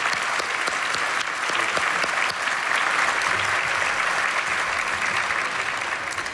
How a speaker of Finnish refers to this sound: Ja pyydänkin, että nouskaa ylös ja annetaan heille kaikille, kuin myös Eskolle ja Samille raikuvat aplodit.